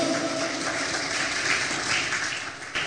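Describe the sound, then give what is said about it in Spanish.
An audience applauds in a steady, dense wash of clapping that holds at full strength for about three seconds before easing slightly at the end. “Debe ese poderoso aplauso.”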